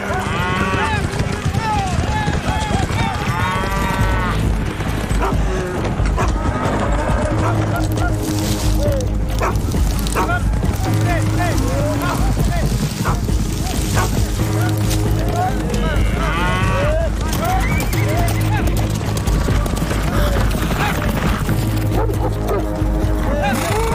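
Cattle low and moo again and again in Texas, USA, over a steady, heavy rumble of trampling cattle and horse hooves, with occasional dog barks and yips cutting through the dense, loud herd noise.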